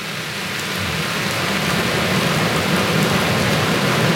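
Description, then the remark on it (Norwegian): Heavy rain pours steadily onto a plastic roof overhead at an outdoor stage outside Nidaros Cathedral: a dense, loud, unbroken patter of constant drumming and hiss, growing slightly stronger over time. “Vi sitter på en utescene utenfor Nidarosdomen, og det øsepøse regner på plastiktak over oss, så det blir litt mye lyd rundt her.”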